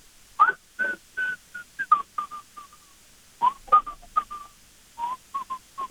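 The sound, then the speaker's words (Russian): Someone whistles a simple Soviet classic melody through a respirator held to the face, the notes muffled and breathy, in short phrases with brief pauses. The tune sits in a mid-high register and has no talking over it. “представляю респиратор к лицу и насвистываю какую-нибудь советскую классику”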